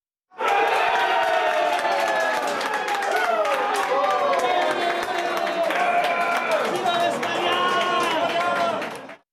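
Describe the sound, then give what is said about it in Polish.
A large crowd of supporters of the Spanish team at the football World Cup roars and chants continuously, many voices shouting together in a dense, loud wall of sound with rising and falling cries throughout. “Tak wczoraj krzyczeli kibice hiszpańskiej drużyny i pewnie tak chcieliby krzyczeć dziś kibice drużyny z Anglii czy Argentyny.”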